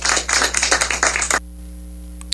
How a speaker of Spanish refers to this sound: Un fuerte aplauso para ustedes que lo hicieron posible y para las autoridades que nos acompañaron en el trayecto.